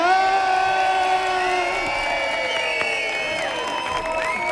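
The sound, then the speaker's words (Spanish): A studio audience cheers and whoops loudly and continuously to vote for a contestant on a TV program, with many overlapping voices and rising shouts filling the space, a steady dense roar with no pauses. “Y ahora, por favor, hagamos ruido para Pablo Feria.”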